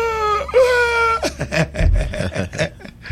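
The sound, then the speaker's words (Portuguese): A voice imitates crying: a drawn-out, wavering whimper, then a run of choppy, breathy sobs in quick bursts. It is fairly loud, with no clear words. “Dizem que um dia encontraram Satanás na esquina da vida chorando.”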